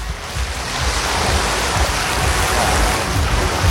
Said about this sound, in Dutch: Hoor je ze, Bart, de golven? Kijk, ik ben even heel dichtbij gaan staan.